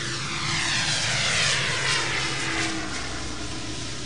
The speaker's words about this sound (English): A few minutes later, the plane took off again, rising at a steep angle made possible by its propellers, which essentially create extra wind for the wings.